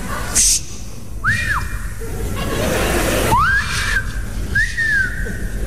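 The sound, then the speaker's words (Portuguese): A drunk man in a bar whistles a few loose, wavering phrases: short swooping arcs and a rising slide into a held note, fairly loud over a noisy background with no talking. “O bêbado quando começa a assobiar é porque não aguenta falar mais.”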